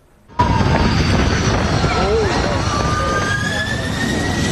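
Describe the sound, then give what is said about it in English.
The jet engines of EVA Air Flight 107 from Tokyo roar loudly and steadily after a sudden start, with rising whining tones over heavy rumbling wind noise, as pilots abort the landing seconds from touchdown at Kaohsiung, southern Taiwan, in strong crosswinds. “This airliner was just seconds from touching down in Taiwan when the pilots suddenly aborted the landing.”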